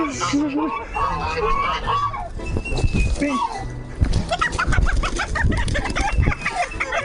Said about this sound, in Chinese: 哇，你看这个公鸡。 这个智能突击长出来第五只脚趾，好长呀！这是真老突击， 还是可以啊！没抓过鸡，第一次，这腿太有劲了。